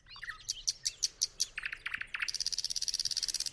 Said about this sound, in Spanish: todavía canta uno de los pájaros más melodiosos de Europa Oriental, el ruiseñor ruso, nombre científico Luscinia luscinia.